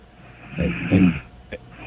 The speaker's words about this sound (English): Okay. It turns out she's got a little snore situation.